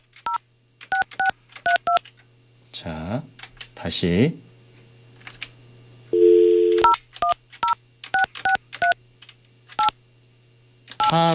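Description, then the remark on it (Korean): A rapid series of short electronic keypad beeps as a phone number is dialed on a regular telephone to call a quiz participant, several quick bursts of tones, followed by a steady ringing tone, with brief speech in between. “8580번님께 전화합니다.”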